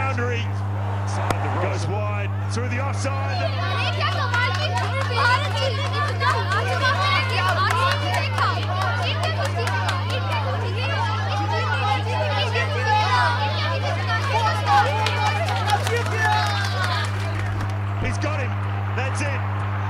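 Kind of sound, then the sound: crowd, crowd chatter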